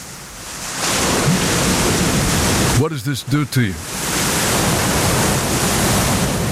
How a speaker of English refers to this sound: So what is pink noise? Let me give you an example of pink noise right here.